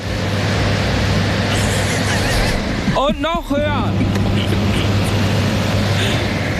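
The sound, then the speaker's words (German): A wind machine that has just been plugged in and turned up through its power levels roars with a steady, loud rushing of wind and a low hum underneath, continuous throughout, while a man speaks a few words briefly over the noise. “Ich glaube, ich muss gegen den Wind anschreien. Also das Ding hat ordentlich Power und wartet nur darauf, jedem, der Bock hat, eine Abkühlung zu verschaffen.”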